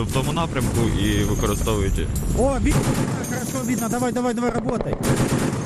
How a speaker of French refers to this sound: Sur ces enregistrements réalisés par les artilleurs, on aperçoit l'unité en action. Les balles fendent la nuit par leur lumière orange vers le drone en mouvement. À chaque fois, la pression est maximale.